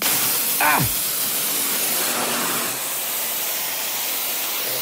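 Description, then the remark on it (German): A welding torch hisses loudly and steadily throughout as it heats iron, a continuous roar of gas with a brief squeaky, falling whistle near the start. “Dann schweißen wir mal, oder?”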